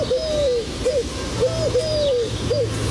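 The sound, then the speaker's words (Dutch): A small bird whistles nonstop in a tree opposite a house at 4 a.m., repeating a short rising-and-falling note about five times in a steady rhythm over a faint low hum. “Ja, dat ene vogeltje dat in die boom tegenover je huis gaat zitten en er niet ophoudt met fluiten.”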